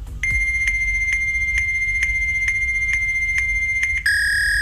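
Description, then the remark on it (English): Fax machine transmission tones: a steady, shrill electronic whine broken by regular soft clicks about twice a second, then abruptly switching to a slightly different tone near the end. No voices. “Yeah, that's a fax machine.”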